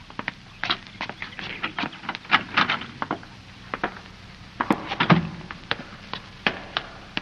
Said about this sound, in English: There's a door. That must be the cellar. We'll try it.